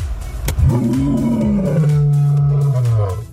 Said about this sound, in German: Heute wird im Zoo Leipzig kräftig gebrüllt.